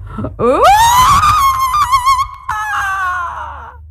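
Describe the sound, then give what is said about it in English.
A woman's loud, sustained, terrifying scream, sent out with a roar as she holds a knife-tipped staff over her head. It swoops upward in pitch and holds a high, shrill, rough tone for several seconds, briefly catching and continuing before it fades out. “Then she held it over her head, and with a roar, and she did not know where that roar came from, she sent out her most terrifying scream.”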